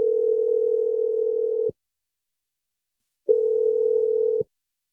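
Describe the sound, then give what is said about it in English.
A telephone ringing tone heard over the line: two long, steady buzzing rings separated by a pause of silence, clear and moderately loud, with no voices. “I'm going to dial her right now.”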